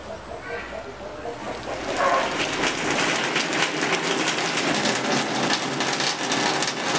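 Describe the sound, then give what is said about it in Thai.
Steady rain sets in after a quieter opening, a dense hiss with fine pattering that holds evenly to the end, with faint voices in the background. “ว่าแต่ฝนตกว่าแต่ฝ่าห้องมันรับอยู่นะไฟรับตอนฝนตกฝ่าห้องรับประจำ”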